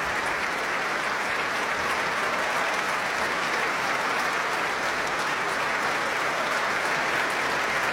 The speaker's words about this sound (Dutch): Applaus nu ook voor de solisten uit het orkest.